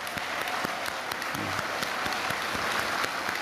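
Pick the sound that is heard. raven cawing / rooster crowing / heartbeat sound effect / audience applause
audience applause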